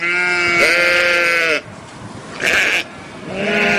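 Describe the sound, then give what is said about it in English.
A sheep bleats loudly, a long wavering cry followed by a short harsh bleat and the start of another, with no talking. “Baba Black Sheep.”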